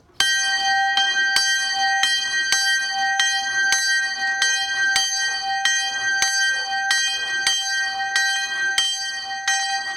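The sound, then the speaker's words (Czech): The small St. Joseph bell rings in an open bell-cote on the roof of the cemetery chapel hall in Horní Stropnice, Czech Republic: bright strikes roughly every half second with a metallic hum between them, fairly loud, no voices. Tuned to G3, 28 cm wide, about 13 kg, cast 1997 by Rudolf Perner in Passau, Germany. “Na střeše místní hřbitovní síně stojí jednoduchá otevřená zvonička. Je v ní zavěšen zvon svatý Josef.”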